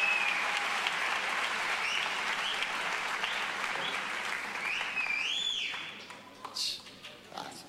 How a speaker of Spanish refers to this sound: Rodri, te están chiflando ahí, ¿no? Chiquilla. Un aplauso para Rodri, por favor, en el escenario.